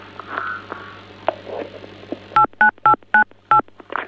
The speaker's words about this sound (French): on dirait que quelqu'un appuie sur des touches de téléphone